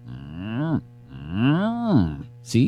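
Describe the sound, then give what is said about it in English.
A man's voice imitates a cow, letting out two long, drawn-out moos with rising and falling pitch, loud, followed by a brief breathy sound at the end. “Man, I do a killer cow.”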